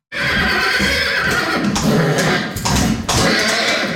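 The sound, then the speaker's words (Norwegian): A fjord horse stallion at the Norwegian Fjord Horse Centre in Nordfjordeid, Norway, excited by the scent of a mare in heat, whinnies loudly, a long, shrill, quavering neigh that breaks briefly a few times before continuing, with no one talking over it. “Lukta av ei brunstig hoppe er alt som skal til for å begeistre hingsten.”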